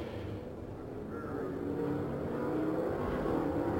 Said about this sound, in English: Now we see the seven cars ahead of our leader, John Paul Jr., beginning to accelerate. In corner number four, the pace car is on pit road, and indeed the green flag is out. We are back to racing at Indianapolis, and here they come.